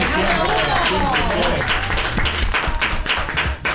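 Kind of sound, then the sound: crowd, applause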